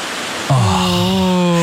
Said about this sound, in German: Es wird einfach wieder windiger und das sorgt halt für dieses Blätterrauschen. Es sieht toll aus und ich finde, das ist aber auch das friedlichste Geräusch ever.